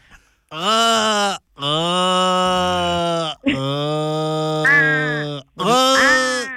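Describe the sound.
A person imitates an Australian crow with four long, drawn-out nasal wails, each a loud sustained 'aaah' that sags in pitch at the end, separated by short pauses.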